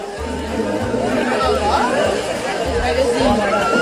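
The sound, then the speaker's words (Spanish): A crowd of people on a beach shouts and reacts in overlapping, excited voices as a man escapes from the water after a fish chased him toward the shore; the fish is left stranded, flapping at the water's edge. A steady loud babble with no single voice standing out. “Aquí estamos escuchando los gritos y las reacciones de la gente cuando ese hombre consigue salir del agua, pero el pez queda varado en la orilla y comienza a aletear a toda velocidad para tratar de volver a aguas más profundas.”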